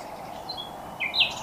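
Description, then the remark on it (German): A few short, high bird chirps ring out outdoors at the start of a 24-hour bird listening and watching marathon, over a soft ambient hiss, with brief calls at irregular moments and a slightly louder pair near the end. “Das ist der Start für 24 Stunden Vögel hören und gucken.”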